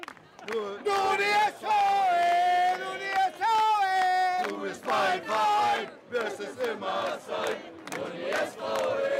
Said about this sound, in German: Wieder ein Fanmarsch. Wie vor der Relegation. Aber heute soll es anders ausgehen. Heute wollen sie sich zusammen krönen. Richtig gute Stimmung mit geballter Fanpower.